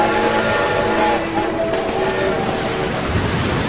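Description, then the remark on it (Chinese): A coal train approaching from the east rumbles past in wind and rain, its engine puffing white steam, with dense, rattling noise, while a steady whistle blares over it the whole time, its sustained tone wavering slightly in pitch. “东面驶来的一辆运煤车在风雨中喷吐着白雾，车头如小山一般急速奔涌而过，他几乎和汽笛的喧鸣同时发出了一声长嚎。”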